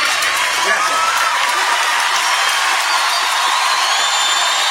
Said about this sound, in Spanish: Gracias a todos. Este aplauso de parte nuestra por ustedes, para ustedes, de parte de todos nosotros.